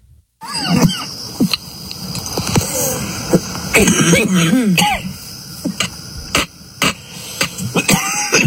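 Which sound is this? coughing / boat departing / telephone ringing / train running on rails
coughing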